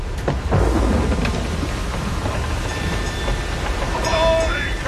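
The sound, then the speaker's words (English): A loud thunderstorm at sea around a ship: steady, heavy rain roars throughout while deep thunder rumbles underneath, with a sharper crack near the start. No one speaks. “Is the storm going to break us?”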